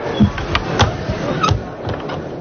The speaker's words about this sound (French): Et on va passer des portes de saloon.